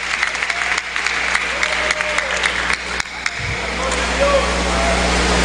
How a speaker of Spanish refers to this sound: Ocupe su lugar, denle un aplauso al Señor, hermano.